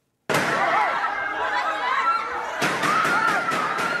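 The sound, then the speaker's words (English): A rapid volley of about six sharp gunshots cracks out inside the Philippine Senate in quick succession, loud and echoing over a constant background of agitated voices and crowd commotion. “Now, a Philippines politician wanted by the International Criminal Court is safe after gunshots were fired in the Senate, where he's been holed up since Monday.”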